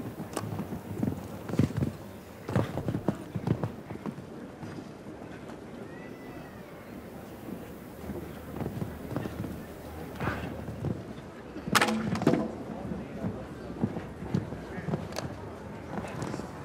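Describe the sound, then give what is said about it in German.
Horse hooves cantering during a show-jumping round, a run of dull, moderately loud thuds in an uneven galloping rhythm, with a faint murmur of voices underneath and a brief louder burst partway through. “So, die Frische der Galoppade war da, um eben knapp innerhalb der erlaubten Zeit zu bleiben.”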